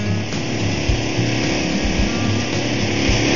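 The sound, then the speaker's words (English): A jackleg rock drill at a mine station in Juneau runs steadily, a loud, continuous mechanical roar with a rapid low hammering pulse underneath, holding at an even level throughout. “This is our jackleg drill.”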